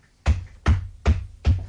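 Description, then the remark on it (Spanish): Four steady footsteps at an even, unhurried pace in the old courtyard of a tenement house in Buenos Aires, each a firm heel thud with a sharp scuff on top, alone with no voices. “Se oyen pasos.”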